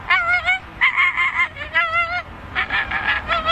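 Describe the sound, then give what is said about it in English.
A human voice imitates an American flamingo's call: a rapid series of nasal, goose-like honks in short bursts, close and fairly loud, with no talking. “The American flamingo.”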